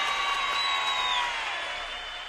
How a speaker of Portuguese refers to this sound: Não, peraí, os caras precisam de palmas, velho. Palmas.